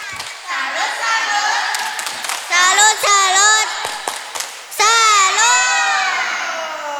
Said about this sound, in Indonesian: Ayo kita kasih tepuk salut dulu tuh kawannya. Tepuk salut.